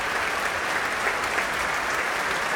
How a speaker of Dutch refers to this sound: En hier een mega groot applaus.